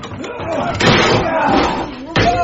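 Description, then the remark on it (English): A wooden shed door is battered and broken down, with two heavy crashing impacts about a second apart amid clattering, while voices carry on underneath. “We're in the shed! Break the door down!”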